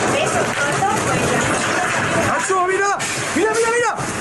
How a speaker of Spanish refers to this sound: Este sonido nos llega de Murcia, donde hoy se han alcanzado los casi 45 grados. Un reventón térmico ha provocado estas rachas de viento de más de 80 kilómetros por hora, lluvia racheada y un descenso súbito de la temperatura de esos 45 grados a 32.